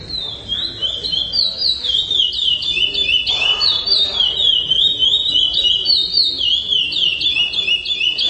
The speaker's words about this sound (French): Ces concours donc sont des concours de chant Praia Grande, le nom de la mélodie qui est enseignée aux oiseaux et qui est évaluée pendant ces concours.